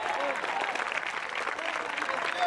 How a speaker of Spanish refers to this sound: Dele fuerte aplauso al Señor en esta hora, a su nombre.